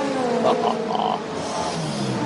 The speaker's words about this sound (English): And listen to the V12 as it screams off a pit lane.